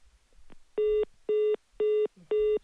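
Four evenly spaced electronic phone tones beep in a steady rhythm, each lasting about a quarter second, loud and clear against a quiet line with faint background rumble.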